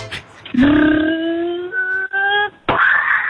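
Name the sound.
child imitating a lion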